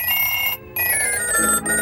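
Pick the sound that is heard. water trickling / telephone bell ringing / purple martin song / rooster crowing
telephone bell ringing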